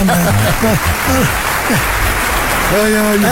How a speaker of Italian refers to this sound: Mi sono preparato anche gli applausi da me, perché tanto non me li manda mai.